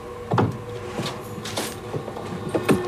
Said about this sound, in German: Da, der Schrank. Eine Tür steht offen. Sie schlüpft hinein und zieht die Tür zu.